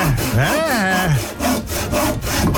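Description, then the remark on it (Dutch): A loud sawing sound effect with rasping back-and-forth strokes, some with a whining, pitch-bending tone, repeating steadily for a few seconds with no talking. “40 knopjes geprobeerd en daar is hij dan, de zaag.”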